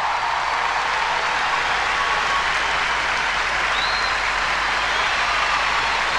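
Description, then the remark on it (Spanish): Steady, dense applause from a sizable audience for singers, a continuous wash of clapping that stays loud and even throughout without any voices standing out. “señores, un aplauso para ellos.”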